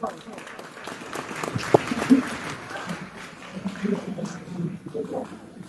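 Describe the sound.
An audience applauds the school director at an event of educational institution 8662 in Centro Poblado de Yáhuida, in a dense, steady wash of clapping that rises and falls for several seconds, with a few louder individual claps standing out and some voices mixed in.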